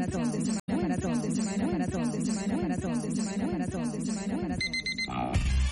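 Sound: alarm clock ringing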